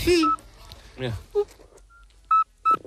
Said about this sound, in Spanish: Y es un animal de hábitos principalmente nocturnos, lo cual me cae bien, y su canto recuerda al silbido este que nos han puesto, que no se lo creen ni Dios, un sapo. Un sapo así.